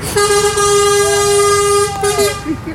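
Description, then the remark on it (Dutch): The horn of a yellow Scania 81 truck blares in one long, steady, loud blast lasting nearly two seconds, followed by a brief second honk, with faint rumbling and indistinct background voices. “Een gele Scania 81, bekend van de albumhoes van album …”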